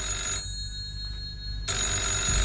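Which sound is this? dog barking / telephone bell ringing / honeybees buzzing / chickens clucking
telephone bell ringing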